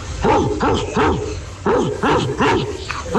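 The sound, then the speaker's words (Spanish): A person convincingly imitates a Rottweiler's barking: six loud, gruff barks delivered in two quick sets of three with a short pause between them. “mi talento es oculto de la verdad como un Rottweiler.”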